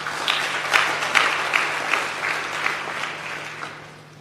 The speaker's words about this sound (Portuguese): Por isso, uma grande salva de palmas para vocês.